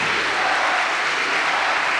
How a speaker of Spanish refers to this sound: Pues fuerte el aplauso a Cristo, mis hermanos.